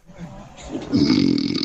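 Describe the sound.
A person imitates snoring with their voice: a short breathy buildup, then one long, loud, rattling snore.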